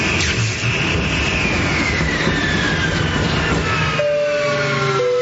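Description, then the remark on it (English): A loud, steady airplane engine roar with a high whine sliding slowly downward in pitch as the engine fails before takeoff, then a couple of sustained horn-like tones near the end. “As you can see, we're experiencing engine failure.”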